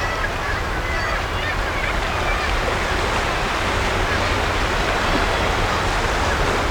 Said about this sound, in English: But as I look down at the impressive waves, eating at the soft chalk land beneath my feet